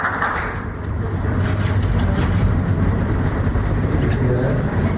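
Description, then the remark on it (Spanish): Sustained applause from an audience at a municipal youth recognition ceremony for Mister Primavera 2026, a dense, steady wash of clapping that holds at a loud, even level for the full five seconds with no voices cutting through. “Fuerte los aplausos, por favor, para Luca Bado por ser ejemplo y voz de nuestra juventud.”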